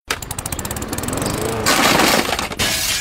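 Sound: window glass shattering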